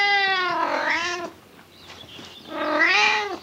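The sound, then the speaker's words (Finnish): A cat meows twice, clear: a long drawn-out meow, a short pause of quiet rustling, then a second rising-falling meow. No one speaks. “Onneksi minulla on tämä hassu kisu seuronani.”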